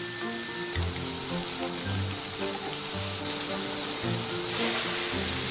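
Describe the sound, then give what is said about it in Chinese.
Pork belly from the lower belly sizzles steadily on a hot iron plate, fried at high heat to render out its own fat, a dense, crackling hiss that runs unbroken for several seconds over a soft, low musical backing. “会先用猪身上的下五花肉，用铁板高温煎制出它本身的油来。”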